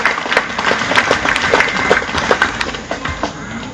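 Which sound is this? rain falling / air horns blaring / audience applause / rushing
audience applause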